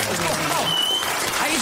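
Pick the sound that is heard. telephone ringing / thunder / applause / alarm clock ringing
applause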